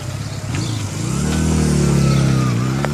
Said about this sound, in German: Haut ab. Wollen wir hinterher? Na, zu spät. Er ist schon auf seinem Motorrad.